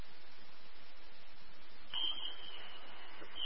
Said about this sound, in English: We're in the room where they received a fire alarm. Don't have any signs of smoke or fire.